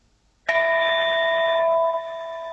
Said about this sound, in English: this is a different tone bell